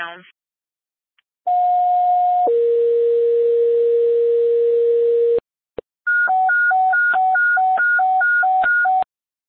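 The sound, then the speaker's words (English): Fire dispatch alert tones: a loud steady tone for about a second drops to a lower tone held for three seconds, then after a brief click comes a rapid alternating high-low warble, calling a fire company to respond to a tree down blocking a street. “East Fire, stand by for tones.”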